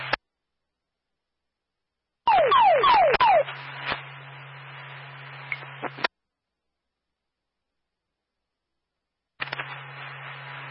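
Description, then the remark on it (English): Fire dispatch paging tones for Alstead, calling a second alarm for a fully involved structure fire on Rogers Road, come over a scanner as four quick descending electronic chirps, followed by hissy radio static and a low hum that cut off abruptly, then another brief static burst. “Tone is for Alstead.”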